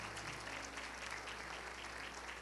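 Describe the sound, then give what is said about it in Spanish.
An audience at a graduation ceremony claps steadily for a few seconds to thank the teachers, a dense, even wash of many hands with no distinct individual claps and no voices on top. “¿Cuántos dan un fuerte aplauso?”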